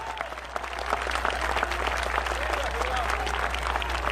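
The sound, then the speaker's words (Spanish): An audience claps steadily for the Lord during a sermon, a dense, continuous patter of many hands that holds at a fairly even loudness throughout, with a low hum underneath and a few faint voices mixed in. “Dele fuerte ese aplauso siempre al Señor.”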